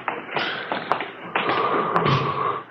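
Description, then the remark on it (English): At 2 a.m. a door opens as Thad Brown comes in, with a sharp latch click, a drawn-out creaking scrape and a second knock-like tap as it swings, over a low hiss. “It's Thad Brown coming in the door.”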